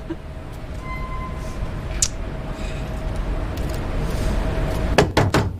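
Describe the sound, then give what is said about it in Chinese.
After a stretch of steady low hum, three or four quick, sharp knocks on a door land near the end, fairly loud. “哎呦，谁呀？我们家还没开门呢。 开门！”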